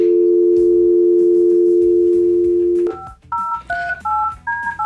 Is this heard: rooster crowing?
no